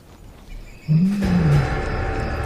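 A lion lets out a deep, loud roar that swells and then trails off over a rough, noisy background, with no talking.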